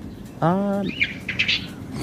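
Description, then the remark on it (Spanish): A few quick, high chirps from small birds follow a short drawn-out vocal sound from a person, over a soft background hiss. “Ah, son los pajaritos.”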